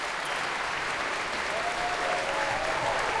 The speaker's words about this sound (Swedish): Än en gång konsertmästare Anders K. Nilsson får ta emot applåder.